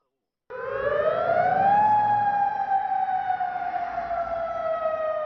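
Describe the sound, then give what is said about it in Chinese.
An air raid siren in Amman, the capital of Jordan, wails steadily at night to warn the public, believed to be because of Iranian missiles crossing its airspace toward Israel. After a moment of silence its tone climbs over the first couple of seconds, then slides slowly downward as it drones on loudly. “约旦首都安曼晚上也响起防空警报，警告民众，相信是伊朗导弹穿越领空飞往以色列。”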